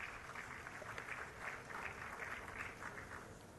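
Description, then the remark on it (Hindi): An audience at an award ceremony for weavers applauds steadily, a dense, even patter of many hands clapping that holds for several seconds without pause, with no voices over it. “जोरदार तालियों से अभिवादन कीजिए”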